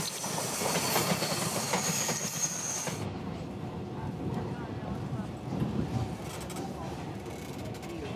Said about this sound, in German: Wir sind unterwegs in einem typischen Triebwagen für Lokalzüge der Taiwan Railways Administration, TRA. Der Fluss Jilong wird die nächsten Kilometer unser Wegbegleiter sein.